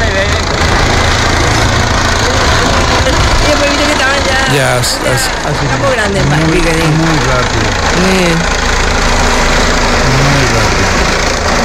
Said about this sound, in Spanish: Ahí llega el helicóptero.